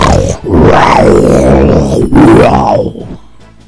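A lion roars loudly, two long rumbling bellows back to back, rising and falling in pitch before trailing off into quiet.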